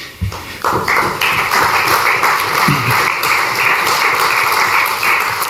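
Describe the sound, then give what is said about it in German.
An audience breaks into applause for democracy after a couple of opening claps, swelling into dense, steady clapping that holds at an even, fairly loud level for about five seconds with no voices. “Ich möchte ergänzen, dass es dieser Applaus, das ist kein Applaus für die rechtsextremistische Politik der AfD, das ist ein Applaus für die Demokratie.”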